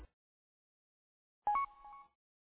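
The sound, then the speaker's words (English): A short electronic radio roger beep sounds after a pause, a bright tone that steps slightly in pitch and ends with a brief burst of static as the transmission closes. “Yeah, I'm hearing one beep on yours when you end communication.”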